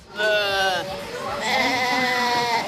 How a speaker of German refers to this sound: Mit lautem Gemecker ruft diese Ziegenmama nach ihrem Nachwuchs. Anhand der Rufe können Mütter ihre Kitze selbst nach einjähriger Trennung noch erkennen.